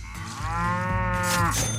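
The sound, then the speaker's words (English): A cow, Bessie, lets out a single long, loud moo, a drawn-out bellow with rich harmonics that holds steady for nearly two seconds, without any talking. “Let's get Bessie, our magical cow, out of the barn and see how much she has for you to start the day.”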